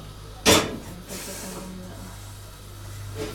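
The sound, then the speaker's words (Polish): A sharp, loud sizzle bursts out as the wet bottom of a pot of water, set to boil for pasta, meets a hot stove, then settles into a steady, quieter hiss with a low hum underneath. “To nic się nie dzieje, to tylko mokre spod garnka.”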